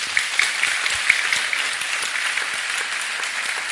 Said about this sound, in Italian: L'altro ospite che saluto e vi chiedo di salutare con un applauso